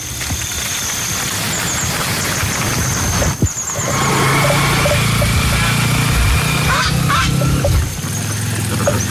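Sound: motorcycle engine running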